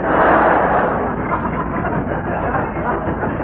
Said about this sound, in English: Oh, shut up. Them ruddy trains drive me mad.